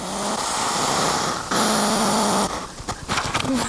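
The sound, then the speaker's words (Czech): A hedgehog, very close to the microphone, huffs loudly with long, rasping, hissing puffs that give way to quicker, choppy snorts toward the end. A faint low hum runs beneath, and no one speaks. “Takhle funí ježek.”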